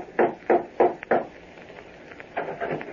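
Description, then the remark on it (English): Four firm, evenly paced raps on the wooden door of a house one evening, sharp and fairly loud, followed by a pause and some softer, muffled bumps. No voices are heard. “One evening, he decided to call on Bob, went to his house, and rapped on the door.”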